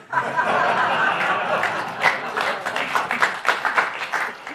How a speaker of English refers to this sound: Thank you for that polite applause.